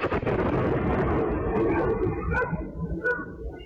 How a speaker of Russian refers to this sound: Этот громкий звук, раздавшийся в небе, действительно похож на переход истребителя на сверхзвук. По-научному это называется скачок уплотнения, говорит авиаэксперт